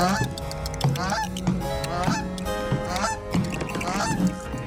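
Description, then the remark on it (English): A goose honks loudly and repeatedly, a rapid series of harsh, nasal calls that keep coming without pause, prominent with no talking. “Can there also be a goose for some reason?”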